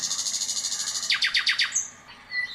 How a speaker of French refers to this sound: Le rossignol les accompagna jusqu'au palais. L'empereur les attendait avec impatience. L'oiseau se mit à chanter. Et ce fut un vrai bonheur.